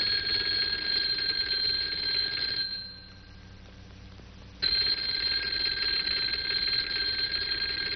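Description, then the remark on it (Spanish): A telephone next to the bed in Calimán's apartment rings loudly in a steady metallic trill, stops for about two seconds, then starts ringing again and keeps going to the end. Cabaleiro is calling from a public telephone. “Calimán contesta un teléfono que está junto a la cama.”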